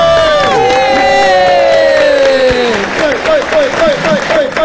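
An audience breaks into steady, dense applause welcoming the day's special guests, with loud sliding whoops and cheers over the clapping, then a run of short rising-and-falling calls as the clapping continues.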